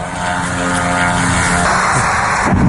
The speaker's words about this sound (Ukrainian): Дрон туда летит.